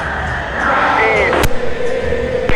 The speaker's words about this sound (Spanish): Y muchos aplausos en cada intervención para Sebastián Villa de la gente, ¿eh?